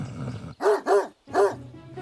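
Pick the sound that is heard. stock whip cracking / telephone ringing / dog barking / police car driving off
dog barking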